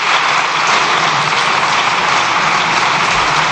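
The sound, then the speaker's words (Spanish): Sustained, dense applause from a large crowd of deputies in Spain's parliament during the government control session, a steady loud wash of clapping that holds evenly for several seconds with no voices standing out. “Se extienden los diputados en el aplauso.”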